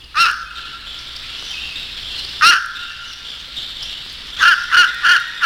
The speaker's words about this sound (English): The second movement is a buffo section, featuring the unlovely voice of the fish crow.